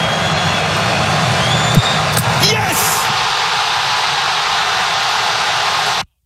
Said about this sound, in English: You listen to the crowd going nuts. Morocco with the winner. They move on.